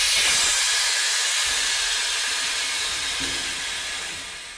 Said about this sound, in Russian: Тусклая лампочка вдруг часто замигала, поезд как будто споткнулся на ходу, залязгали, набегая один на другой буфера, и мы остановились.